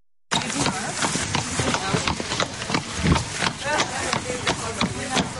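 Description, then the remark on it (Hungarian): The hooves of two horses clip-clop across the hard floor of the atrium of the University of Veterinary Medicine in a steady, slightly uneven clatter of sharp knocks, with a murmur of voices in the background. The horses, provided by the standby police, are being led in for a live horse anatomy class. “Két lovat vezetnek be az aulába, és hamarosan kezdődik az élő lovas anatómia óra.”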